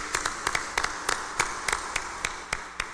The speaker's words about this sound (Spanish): démosle un fuerte aplauso de felicitación, deseándoles lo mejor.